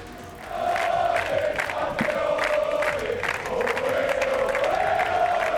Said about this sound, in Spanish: Al grito de campeones, campeones, han recibido a los jugadores en Zarzuela.